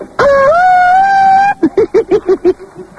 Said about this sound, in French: Attends. Je vais mettre la sirène des fois que.